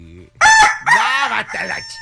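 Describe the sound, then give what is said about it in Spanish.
A rooster crows loudly, a single drawn-out cock-a-doodle-doo in several harsh, rising-and-falling segments, heard on its own with no talking. “Ese ya, el gallo ya está desgastado.”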